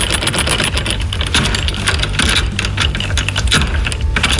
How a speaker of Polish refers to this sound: wyciąga w tej chwili klucz, podchodzi do naszej pancernej szkatuły i... O, i...